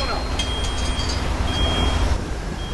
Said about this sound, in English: Now, a garbage truck lumbers down a tree-lined residential street. The wizards watch it pass from inside a gated garden.